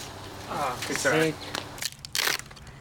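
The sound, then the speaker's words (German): A skateboard deck cracks and splinters in a few sharp snapping bursts just after someone speaks briefly, the crunching breaks following one another over about a second. “Zerbrochen.”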